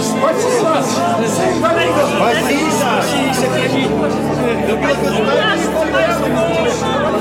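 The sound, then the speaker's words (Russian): A large, lively crowd joyfully shouting as Jesus rides into Jerusalem on a donkey, overlapping chatter and excited calls, a steady loud hubbub of many voices that never lets up. “Иисус въезжал в Иерусалим, сидя на осле, под радостные крики толпы.”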